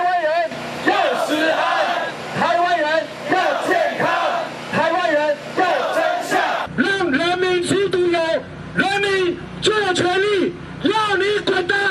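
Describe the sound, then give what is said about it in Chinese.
A large protest crowd rallying for food safety on Ketagalan Boulevard, Taiwan, on a hot day, shouts together in loud, rhythmic bursts of chanting, with voices rising and falling in repeated waves; partway through, the roar shifts and grows brighter and more insistent. “今天的凯道就是民意的展现，人民发出怒吼，表达民意的不满以及对食安的期盼。”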